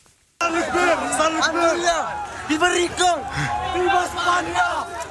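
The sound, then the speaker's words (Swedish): A large crowd shouts and yells together in a loud, dense roar of overlapping voices, urgent and continuous, as many people run at full speed toward a hill. “En stor folkmassa springer i full fart mot en kulle i ett videoklipp från nyhetsbyrån Reuters.”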